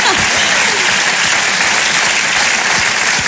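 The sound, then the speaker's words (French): A crowd claps steadily throughout, a dense, loud wash of applause with no pauses, and a few faint voices buried underneath. “Merci, oui, on peut applaudir ça, bien sûr.”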